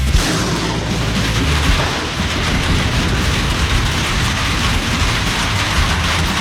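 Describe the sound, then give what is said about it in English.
Heavy rain pours steadily and loudly, a dense hiss filling the whole scene, while deep thunder rumbles low underneath. No voices are heard. “Heavy rains are here, and that can spell trouble for your septic system.”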